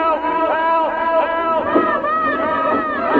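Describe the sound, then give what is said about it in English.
A dense crowd of voices screams and wails together in a burning house, overlapping high sustained cries rising and falling in a loud, continuous chaotic mass with no clear words. “Voices screamed in every room.”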